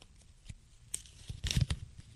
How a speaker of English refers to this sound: They're folded up pieces of paper. I'm going to blindly grab one.